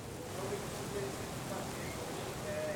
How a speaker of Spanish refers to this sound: Una impresionante tormenta eléctrica en Miami que ha interrumpido su sesión de trabajo